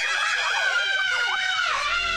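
Loud, sustained high-pitched screaming with wavering, swooping pitch from riders on a roller coaster, lasting the whole couple of seconds with no talking.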